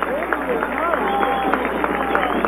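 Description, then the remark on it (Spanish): A stadium crowd applauds in a steady, dense wash of clapping and murmuring for Lucas Mancinelli as he is substituted and leaves the pitch seven minutes from the end of a Deportivo Cuenca football match, with a man's voice talking over it throughout. “Ahí está el aplauso para Lucas.”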